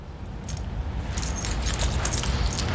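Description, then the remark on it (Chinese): A bunch of keys jingles in short metallic bursts of clinks over a low background rumble, with no one speaking, as the keys, which had been left on top of a fire hydrant, are handed over for safekeeping. “你怎么还把这钥匙放在那消防栓上边啊？由这钥匙给我保管了。”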